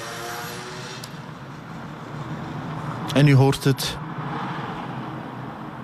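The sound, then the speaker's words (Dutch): Steady low rumble of city road traffic passing by in the town of Tienen, a continuous wash of engine and road noise, with a man briefly speaking over it partway through. “Het verkeer, het stadsleven van tienen gaat hier, zoals dat op vele plaatsen het geval is, gewoon voorbij.”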